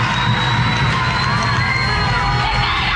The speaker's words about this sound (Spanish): Ahí salió Cristina Fernández. Valía la pena la espera, ¿no? ¿Escucha la ovación?